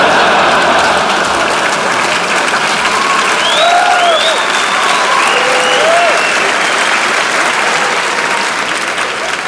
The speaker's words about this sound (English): Yeah, clap it up.